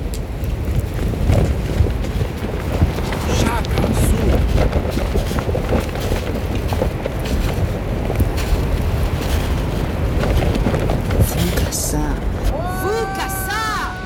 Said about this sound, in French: Sur ce plateau tibétain balayé par le vent, aux pentes rocailleuses, vous êtes entouré d'une dizaine de Denisoviens, membres d'une espèce éteinte du genre Homo.